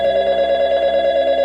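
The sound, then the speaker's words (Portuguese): A telephone rings with a steady, trilling electronic tone that holds unbroken for the whole moment, fairly loud, with no voices. “Quando o telefone tocava,”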